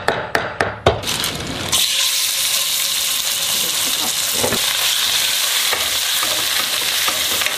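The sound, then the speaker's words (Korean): Minced pork being stir-fried in a frying pan for bibim-guksu (mixed noodles): a few sharp clacks of a utensil stirring at the start, then a steady, loud, hissing sizzle that runs unbroken to the end. “잘게 다진 고기를 후라이팬에 볶고 있다.”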